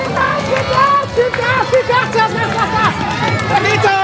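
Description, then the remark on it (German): A crowd of spectators shouts and cheers at the finish of a children's balance-bike race on the market square in Borken, in a continuous, dense hubbub, with many overlapping excited voices and no single speaker standing out. “Sie feuern hier an, warum? Weil meine Tochter gerade gewonnen hat.”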